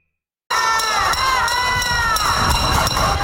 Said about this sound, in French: Des résidents de La Havane manifestent en tapant sur des casseroles en raison des coupures de courant.